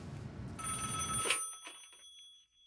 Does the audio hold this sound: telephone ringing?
yes